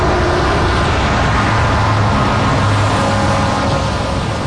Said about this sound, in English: Around 300,000 to 400,000 cars travel this stretch of Highway 101 every day, and that has proven to be a problem for local wildlife, especially the California mountain lion.